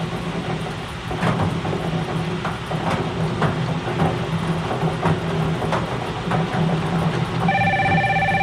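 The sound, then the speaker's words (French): A steady electronic telephone ring tone starts abruptly near the end during a bingo game broadcast on radio station FM 103.3, signalling a call about a full card; its high bright pitches are layered over a continuous rumbling, clattering background with scattered sharp clicks. “Alors, le téléphone sonne, on cherche la carte pleine sur les feuilles de couleur rouge”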